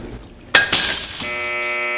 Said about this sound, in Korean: 낡은 벽에서 타일이 떨어져 깨진다.